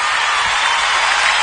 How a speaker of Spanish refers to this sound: Fuerte el aplauso